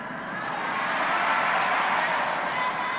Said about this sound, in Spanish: Sí se oye fuerte cuando gritamos las mujeres, ¿verdad?